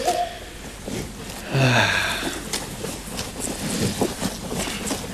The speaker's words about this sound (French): Enfin, j'entends un petit truc, mais... C'est peut-être le vent.